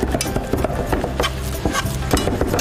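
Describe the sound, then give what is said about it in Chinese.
Thick fish paste batter, minced fish mixed with water and sweet potato starch, being stirred briskly in a bowl to make the fish shreds of Xingguo, with a steady run of wet slapping and clacking strokes, some sharper knocks against the container, and no voices. “鱼肉剁蓉，和水、红薯粉搅拌均匀，摊成薄薄的鱼饼，再上锅蒸制，卷成筒状，切丝晾晒，就是当地有名的鱼丝。”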